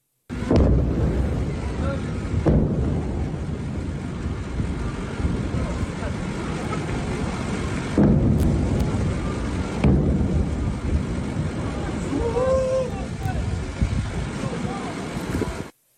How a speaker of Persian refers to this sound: ویدئویی رسیده از مخاطبی به ایران اینترنشنال وقوع چند انفجار رو در بامداد 24 تیر ماه در سیریک نشون میده